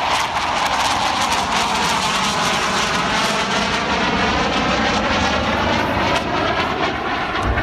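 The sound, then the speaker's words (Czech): A jet aircraft engine, the first Czechoslovak jet engine built by Motorlet for the Aero L-29 Delfín, roars loud without a break, a dense rushing noise with a high whine that slowly climbs in pitch over several seconds. “Skončila potom výroba pro MiG 15 a ve Valtrovce, tedy v motorletu, začala výroba prvního československého proudového motoru pro první letoun československé konstrukce proudový Aero L-29 Delfín.”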